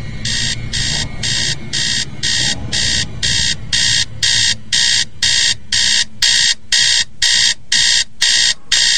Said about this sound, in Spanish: Ah, ¿qué pasa? Maldito despertador, pero si apenas son las 4:15 de la mañana.